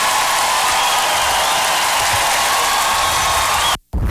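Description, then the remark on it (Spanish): Loud, dense applause from a crowd fills the whole stretch, a steady wash of clapping with no gaps, then cuts off abruptly near the end. “Aplauso fuerte”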